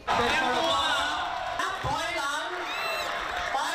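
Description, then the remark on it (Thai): A crowd claps and cheers in celebration after the Phra Borommathat Chedi of Nakhon Si Thammarat was registered as a new UNESCO World Cultural Heritage site, a steady, dense wash of noise with excited voices and whoops rising out of it throughout. “เสียงปรบมือและดีใจหลังพระบรมธาตุเจดีย์นครศรีธรรมราชได้ขึ้นทะเบียนเป็นมรดกโลกทางวัฒนธรรมแห่งใหม่”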